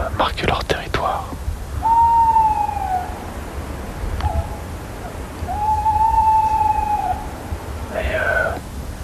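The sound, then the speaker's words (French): An owl in the Lot, France, calls twice from a tree, each a long, wavering, drawn-out hoot separated by a few seconds of quiet, over a steady outdoor hiss with brief rustling at the start and end. “La chouette du Lot.”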